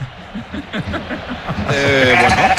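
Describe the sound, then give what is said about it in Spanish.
A voice imitates a goat's bleat, starting with low chuckling sounds and then breaking into a loud, wavering, nasal bleat that holds for about a second. “La cabra.”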